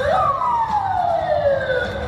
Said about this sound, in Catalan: So de sirenes i cotxes policials arran de la deflagració a una zona molt concorreguda a prop del Parc Zoològic de Moscou.